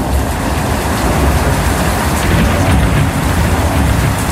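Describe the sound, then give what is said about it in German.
Heavy, steady rain pours continuously with a deep low rumble beneath it, like a thunderstorm. The roar stays loud and even throughout, with no voices. “Bei Spotify gibt es sogar eine extra Playlist, nur mit Blitz und Donner.”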